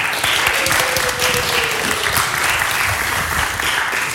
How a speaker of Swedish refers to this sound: Härligt, det hade du inte räknat med. En applåd plötsligt.